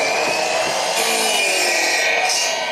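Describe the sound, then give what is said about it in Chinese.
Steady, continuous sawing of thick, peeled, soft rattan cane to length for a chair seat, before steaming and shaping; a bright rasping buzz with sustained high-pitched tones, loud and unbroken for the whole stretch with no voices. “选好之后锯成我们想要的长短，放到锅炉里面去蒸，蒸软之后就可以造型了。”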